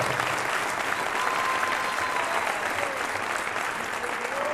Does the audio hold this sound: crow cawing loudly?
no